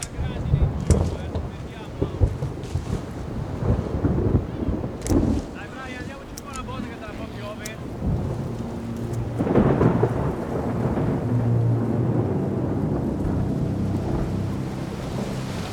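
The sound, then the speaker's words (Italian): A thunderstorm rumbles with deep, rolling thunder over steady rain and gusts of wind buffeting the microphone, the low roar swelling louder partway through and staying heavy to the end. “Le viti amano il clima mediterraneo, ma temono le tempeste di settembre.”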